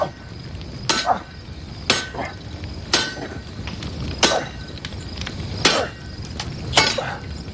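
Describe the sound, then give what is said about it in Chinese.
A heavy sledgehammer clangs down on hot iron being forged into a knife about six times, strikes spaced roughly a second apart, each hit sharp and ringing over a steady background hum of the forge. “就抡嘛，就砸嘛。”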